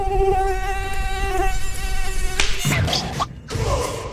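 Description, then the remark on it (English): A high-pitched mosquito whine drones steadily for a couple of seconds, then cuts off into a sharp slap as someone smacks the mosquito, followed by rustling noise. “This 3 seconds of BPI brought to you by Smacking Mosquitoes.”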